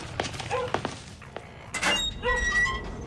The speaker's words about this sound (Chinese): 大晚上的砸门。